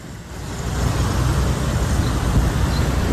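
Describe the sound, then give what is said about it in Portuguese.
Steady rumble of busy street traffic, with cars and motorcycles passing in a continuous low roar that builds slightly, no voices present. “É carro passando, é moto passando.”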